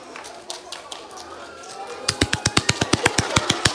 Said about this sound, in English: Wow! I'm going to give you a clap. You are so good. Wait, wait. Ready for a clap? Would you like another one? Fine, they're free. Now I'm going to give you lots of claps now.